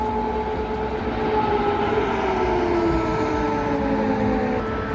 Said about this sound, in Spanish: Así sonaban las alarmas, las sirenas.